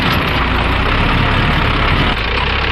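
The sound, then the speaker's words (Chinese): A self-modified mountain tractor tilling land in the Yongxi countryside runs loudly and steadily, a dense low engine rumble with a constant mechanical drone that never lets up; no one speaks. “开着自己改造的山地拖拉机翻耕土地。”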